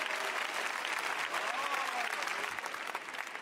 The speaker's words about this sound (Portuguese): Pode bater as palmas para Jesus, meus irmãos.